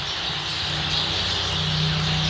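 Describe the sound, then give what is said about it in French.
Dense, continuous starling song, a busy mix of chattering, clicks and high whistles with no pauses, over a steady low hum throughout. “Donc les tourneaux, c'est vraiment une boîte à musique, quoi.”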